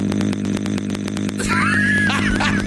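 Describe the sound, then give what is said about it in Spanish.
A person does a loud vocal impression of a chainsaw: a buzzing, rattling drone that pulses rapidly at first, then rises and wavers as if revving, for a few seconds. “Oye, güey, le hace igualito que motosierra. Voz de motosierra, güey.”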